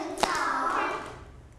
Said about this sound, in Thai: ปรบมือหนึ่งครั้งปรบมือหนึ่งครั้งปรบมือสองครั้งตบตักสองครั้ง